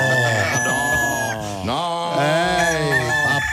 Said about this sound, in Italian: Anche le galline ci sono.